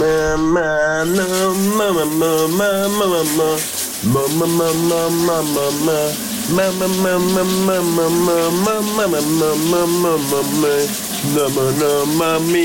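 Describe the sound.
A man sings a melodic tune, close and loud, over the steady hiss of a running shower, the water spray continuing beneath his voice throughout with only a brief pause.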